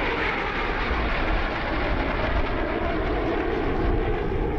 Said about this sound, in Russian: Самолет летит над огромным водоемом,